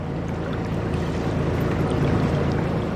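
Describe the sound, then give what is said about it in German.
A steady, low engine drone of a boat under way on the Rhine, travelling from Budenheim toward Mainz with mourners on board for a burial. Continuous rushing water and wind noise fill the background, evenly loud throughout, with no voices. “Die Angehörigen sind in Budenheim an Bord gekommen und dann eine Stunde mit dem Boot zum Ort der Beisetzung gefahren, nach Mainz.”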